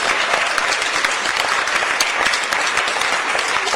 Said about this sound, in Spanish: Fuerte el aplauso. Fuerte el aplauso para la Vereda La Pica. La Pica, La Pica, La Pica, Arauquita.